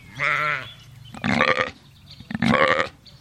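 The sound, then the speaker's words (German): Sheep bleat three times in a row, wavering calls spaced about a second apart, clear with no talking; a flock of 44 sheep on a fenced meadow in Hartmannsdorf near Chemnitz, Germany. “44 Schafe tummeln sich auf einer eingezäunten Wiese in Hartmannsdorf bei Chemnitz.”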